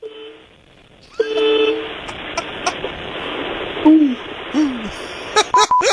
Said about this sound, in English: Yeah, you're right. I haven't heard a honk that meager in some time. Right, the weakest honks.